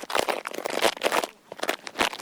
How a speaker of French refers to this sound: Les feuilles qui craquent. On a fait des bruits de feuilles mortes, on les a écrasées et froissées.